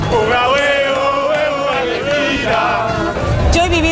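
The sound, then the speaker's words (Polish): A large, loud crowd of several thousand Argentine football fans celebrating in Times Square despite rain, under police supervision, many voices chanting and singing together in a continuous roar that stays dense for the whole stretch. “Kilkutysięczny tłum doskonale bawił się pod nadzorem policji.”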